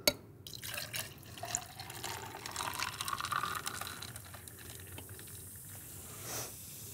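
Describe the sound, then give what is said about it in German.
Ginger ale pours steadily into a glass with mint for several seconds, a bright fizzing, splashing stream with small drips, fading out near the end; no one speaks. “Und dann kommt der Ginger Ale dazu.”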